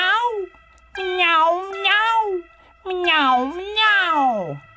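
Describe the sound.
A voice imitates a cat, giving four drawn-out, wavering meows in quick succession, fairly loud, with short pauses between them and no other sounds.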